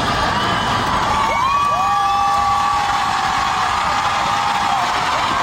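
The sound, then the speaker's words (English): A large concert crowd cheers and screams loudly and continuously as a fan's picture of her dappled sausage dog is shown on stage, with high whoops and shrieks rising above a dense roar of voices. “Which is the kind of reaction I'd expect for the best dog breed in the world.”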